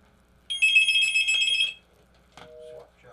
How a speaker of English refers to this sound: We got phones ringing, so we're going to start doing this.